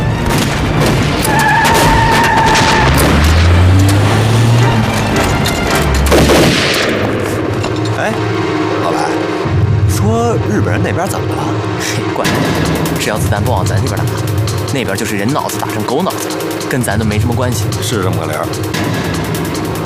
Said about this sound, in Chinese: 日本人那边怎么了？嘿，管他呢，只要子弹不往咱这边打，那边就是人脑子打成狗脑子，跟咱都没什么关系。